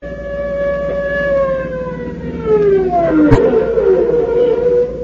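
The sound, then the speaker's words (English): A police car siren wails loudly and continuously as it approaches, holding a steady pitch before sliding downward as it passes, with a brief sharp crack partway through and no talking. “Hey, that's a police siren. Sounds like they're almost on top of us.”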